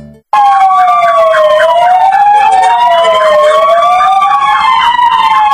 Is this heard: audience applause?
no